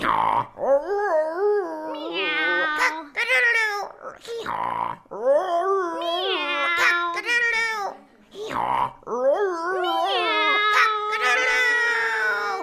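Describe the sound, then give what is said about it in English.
A single voice imitates animal noises: a baying hound howl, a drawn-out cat meow and a rooster crow. The calls come in several loud, wavering bursts with brief pauses between them. “The cat struggled to balance on top of the dog, and the rooster flew up and landed on the cat's head. They looked in the window and began to perform their music.”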